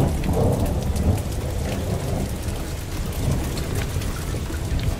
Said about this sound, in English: But by late evening on February 28, 2022, after weeks and weeks of non-stop wet weather, there's something different about the sound of the rain.